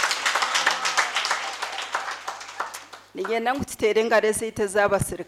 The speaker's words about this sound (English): Can we clap for Jesus?